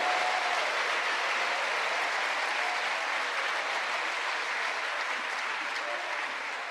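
An audience claps in applause for God during a Spanish-language sermon, a dense, continuous wash of applause, sustained and fairly loud for several seconds with no break, easing off slightly toward the end.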